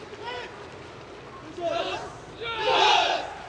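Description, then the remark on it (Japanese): High school baseball players of both teams, lined up at home plate at Hanshin Koshien Stadium before the game between Ariake of Kumamoto and Higashi Nippon International University Shohei of Fukushima, bow deeply and shout together in unison: three voiced bursts that grow louder, the last one the longest and strongest, over a steady murmur of a large crowd. “深く一礼して大きな声を上げました。”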